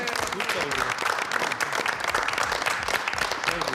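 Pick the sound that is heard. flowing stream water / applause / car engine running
applause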